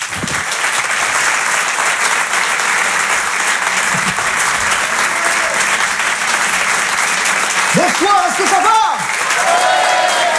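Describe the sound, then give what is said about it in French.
Loud, sustained audience applause welcoming comedian Hervé Dipari on Rire et Chanson fills the whole stretch, dense and steady, with cheers and a few whoops rising over the clapping near the end. “Je vous demande de l'encourager, de l'applaudir très fort.”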